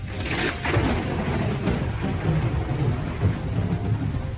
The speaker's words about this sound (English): But I just remember that kind of thick, heavy, humidity kind of feeling. Thick, humid, dark storm. I do remember it just getting super dark early.